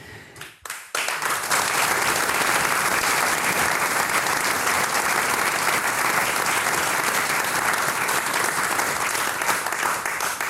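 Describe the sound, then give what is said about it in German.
Sustained audience applause, dense and steady, with many hands clapping at once for about ten seconds after a brief opening pause; loud, with no talking over it. The applause is from an audience at an evening event in Heiligenkreuz am Wasen. “Ihr Sprecher des heutigen Abends, Karl Edecker, sagt einen recht schönen Dank fürs aufmerksame Zuhören und für den Applaus.”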